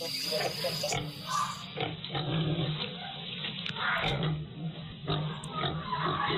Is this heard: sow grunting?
yes